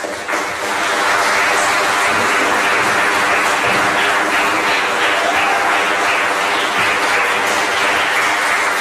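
A church audience breaks into sustained applause to welcome two people as brothers in Christ, a dense, steady wash of many hands clapping at even loudness for several seconds, with no voices standing out.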